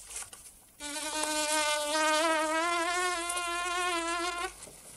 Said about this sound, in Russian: Муха садится на бровь Верзилы.